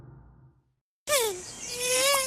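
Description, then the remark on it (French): After a moment of quiet, a mosquito's thin, high-pitched whine starts abruptly, dips in pitch, then holds a steady buzzing drone, loud and alone with no voices. “Ah, je me suis fait piquer!”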